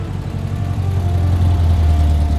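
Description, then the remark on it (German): A car engine idles with a steady, low rumble, holding an even level for a couple of seconds with no voices, as the car is parked and locked. “parkte und schloss den Wagen ab.”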